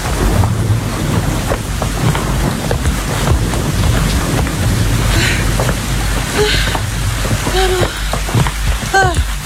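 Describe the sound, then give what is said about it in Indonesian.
Steady, dense rain that has been growing heavier hisses throughout with gusty wind noise, holding a constant loud level, while a few short chirping calls rise above it toward the end. “Gawat, hujannya semakin deras.”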